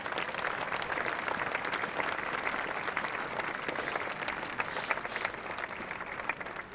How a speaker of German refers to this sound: Bitte ein Applaus für die Bürgerstiftung.